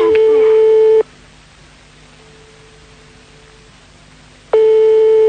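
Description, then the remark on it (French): A telephone ringback tone rings out unanswered during a phone game: two loud, steady, buzzy tone bursts about a second long, separated by roughly three and a half seconds of faint line hiss. “Pour l'instant, maintenant, ça sonne dans le vide.”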